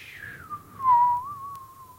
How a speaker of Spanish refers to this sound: Estaba aburrido en la casa. Sí, iba silbando por la casa.